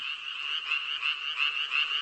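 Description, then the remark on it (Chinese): A male frog calls in a steady, continuous trilling croak, moderately loud, amplified by its large vocal sac inflated with air, with a rapid pulsing rhythm that keeps going without pause and no voices present. “雄青蛙有个大的跟身体不相称的声囊，”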